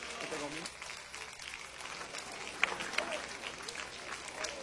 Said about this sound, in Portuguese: Já vamos receber o servo de Deus com palmas bem fortes. forte, bem alegre para Jesus.